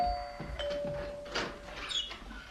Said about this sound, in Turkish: Evet ama bu gerçek bir zil.